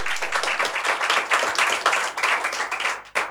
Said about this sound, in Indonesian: Mari kita tepuk tangan bagi kemuliaan nama Tuhan.